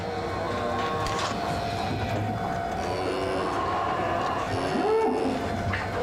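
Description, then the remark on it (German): A steady mechanical drone of a feed-distributing machine in a cow barn handing out a grain feed mix with wheat meal to the cows, with a constant low hum and rattling, whirring tones running throughout at an even, fairly loud level. “Eine Maschine verteilt dieses Müsli an die Kühe.”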